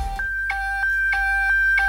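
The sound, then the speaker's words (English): A Nokia phone ringtone plays alone: a short run of clean, steady beeping tones that step between two or three pitches in a regular rhythm, fairly loud. “Nokia ringtone.”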